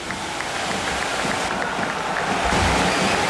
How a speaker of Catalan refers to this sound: Tot això barrejat amb el so de la pluja.